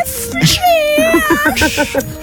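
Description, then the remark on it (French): A person's voice mimics a cat's meow on the radio station Chérie FM, a drawn-out, wavering high-pitched mew followed by a few shorter quavering mews, fairly loud with no other talking. “Gros bisou, tu nous referais le petit chat, vas-y.”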